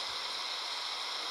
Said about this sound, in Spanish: No, pero ese ruido es de la lluvia, que estaba bien cerquita la lluvia.